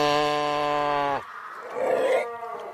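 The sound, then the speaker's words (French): Seals call out: a loud, drawn-out low moan lasting about a second, followed by a rougher, breathy growling cry. No one speaks. “Et ça, ce qu'on entend, en fait, c'est des phoques qui se trouvent, voilà, exactement.”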